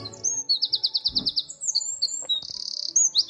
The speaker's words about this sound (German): Mit dem Triller verzaubert er unseren Morgen. Das wäre ein Zaunkönig.